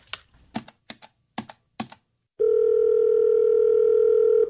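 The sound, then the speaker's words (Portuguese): A few quick clicks or key taps as a phone call is placed, then a loud, steady telephone dial tone begins and holds unbroken for about two seconds, clear with no talking. “Ah, vou ligar pro Douglas e falar com ele pra fazer essa parte.”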